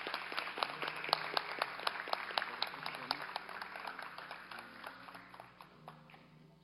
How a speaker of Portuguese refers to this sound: Uma salva de palmas.